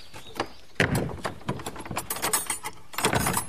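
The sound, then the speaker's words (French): A door of a room in a historic monument is pulled shut, with a bang of contact early on, then clicking and rattling from the latch and handle before a second solid knock near the end. “Je ferme la porte, non?”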